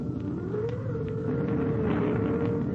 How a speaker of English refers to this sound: It is a dark and stormy night. Outside, the wind is howling and whistling.